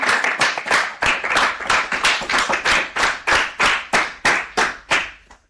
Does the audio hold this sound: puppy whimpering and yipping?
no